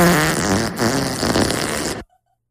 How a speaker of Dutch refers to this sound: Hoe klinkt... klinkt de scheet? Nou, daar gaan we hoor.